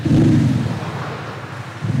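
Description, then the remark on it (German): A deep, droning synthetic engine hum from an Audi's factory-fitted sound generator, a loudspeaker rather than the engine, loud and steady with a low rumbling pulse, dipping slightly in the middle before swelling again; no one speaks. “Das hat nichts mit dem Motor zu tun, das ist einfach ein Lautsprecher, der Krach macht.”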